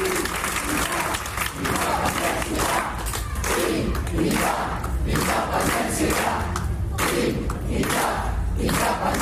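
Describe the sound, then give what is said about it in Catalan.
A large protest crowd in a town square chants traditional pro-independence slogans together in a steady, rhythmic cadence, the massed voices loud and continuous throughout, with bursts of clapping and cheering mixed in. “Un cop es va acabar el cant dels ocells, els càntics i crits de llibertat que havien escoltat tant de temps a la plaça ja no es van sentir i van substituir-se pels tradicionals independentistes.”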